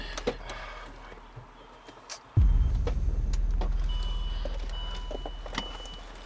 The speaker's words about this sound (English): Your mom just parked her car.